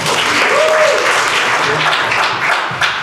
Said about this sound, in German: Und jetzt klatscht bitte direkt weiter, kräftiger und mit viel Werf für den wunderbaren